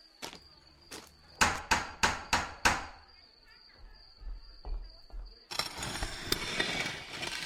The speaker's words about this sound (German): Bitte laut klingeln. Kleinwüchsige bitte den Türklopfer betätigen.